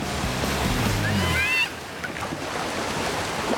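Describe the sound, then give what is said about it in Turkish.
Ocean waves about 1.5 metres high break and wash against rocks in a continuous roar of surf, loud, with a brief droning tone in the first second and a half. “Kayalara çıkıp dalgalara atladım.”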